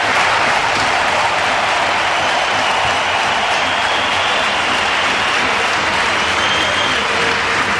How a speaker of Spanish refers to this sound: todo el Bernabéu de pie, falta un poquito más por parte del banquillo del Athletic, pero ahí está Valverde en la zona técnica, también aplaudiendo a Dani Carvajal, 27 títulos, 6 Champions, se despide del Bernabéu.